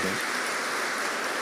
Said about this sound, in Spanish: Vamos a darle un aplauso al Padre del Cielo.